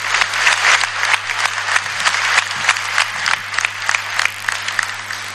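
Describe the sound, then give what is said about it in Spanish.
A crowd claps steadily in sustained applause for ambassadors and cooperation institutions, dense overlapping hand claps filling the whole stretch at a fairly loud, even level, with a low steady hum underneath. “Yo creo pedirles por favor un fuerte aplauso para ellos, porque están con Bolivia, están con Bolivia.”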